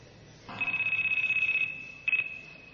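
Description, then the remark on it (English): Anand's cell phone rings as a Veda seminar starts in Fukuoka, Japan, with a shrill, rapidly trilling electronic tone: one sustained ring of about a second, a brief pause, then a short second burst. It is fairly loud, with no one talking. “When the seminar started, Anand's cell phone rang.”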